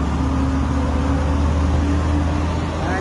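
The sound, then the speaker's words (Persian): A steady, low engine rumble drones on without change from heavy trucks queued and idling at the Khosravi border terminal on the Iran–Iraq border while the border is closed, with a constant hum and faint background noise and no one speaking. “یک شهروند از بسته بودن مرز خسروی و سردرگمی رانندگان خودروهای سنگین در این مرز گزارش داده. این وضعیت پایانه مرز خسروی.”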